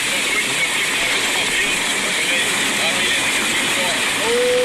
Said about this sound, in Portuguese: Olha o barulhão do Rio Corda. De baixo no Rio Corda. Pode, né?